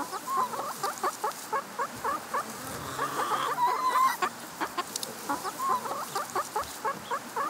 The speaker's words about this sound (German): Nee, das ist halt ein Huhn.